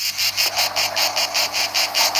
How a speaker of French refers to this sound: Ah, je viens d'entendre les premières cigales. Est-ce que ce sont celles-là?